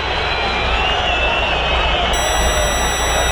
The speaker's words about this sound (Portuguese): Mais de 40 mil vozes vaiando o Santos. Santos 0, Coritiba 3.